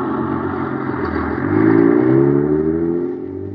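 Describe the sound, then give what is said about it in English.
A heavy motor truck engine revs and rumbles as it pulls away down a highway in Los Angeles, towing a 35-foot, 10,000-pound rocket clubhouse on a trial run, its pitch rising steadily under a wash of road noise, loud throughout. “Zooming down the highway, pulled along by an honest-to-goodness motor truck.”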